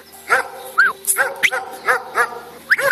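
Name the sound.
dog barking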